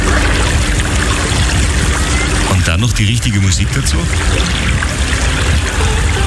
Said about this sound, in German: Da haben wir sich das Motorboot und sind da eine Stunde am Mondsee rumgefahren und das ist einfach schön. Und dann dieses Geräusch von diesem Glucksen des Wassers.